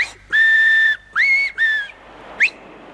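Three loud, shrill finger whistles ring out at midday: one long steady blast, then two shorter rising ones in quick succession, followed by a brief upward chirp.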